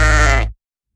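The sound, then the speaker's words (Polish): A single loud sheep bleat with a wavering, buzzy tone lasts about half a second, then cuts off into silence, in an advertisement for the film Sprawiedliwość owiec. “Humor, zwroty akcji, śledztwo kryminalne i owce.”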